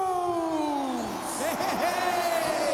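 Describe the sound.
A big crowd at Stadium Australia roars and cheers steadily as performers are introduced, with a loud voice whooping and sliding down in pitch over the dense wash of noise.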